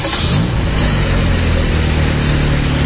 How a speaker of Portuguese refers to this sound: Ihu! Ligou o carro.